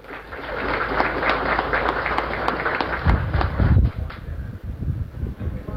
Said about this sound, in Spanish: Pido un fuerte aplauso, por favor.